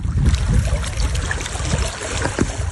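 Water laps and trickles steadily against gravestones on the shore of the Lipno reservoir in southern Czech Republic, at the wall of a former cemetery in Dolní Vltavice, a continuous splashing and gurgling with a low rumble beneath, no voices present.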